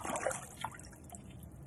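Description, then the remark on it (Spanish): Water poured from a gourd bowl (jícara), a splashy trickle with a few brighter gurgles early on, settling into a soft, steady wash of running water. No voices. “La jícara.”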